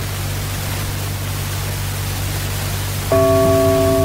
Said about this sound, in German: Ach nein, genau 13 Uhr mit dem Gongschlag.